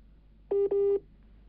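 Two short, steady electronic telephone dialing tones sound back to back, clear and fairly loud, with only a faint background hum before and after and no one speaking.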